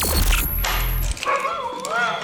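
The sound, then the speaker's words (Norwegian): A dog barks briefly, then gives a wavering whine, over a dense, steady backdrop that cuts out about halfway through. “Ut med hunden.”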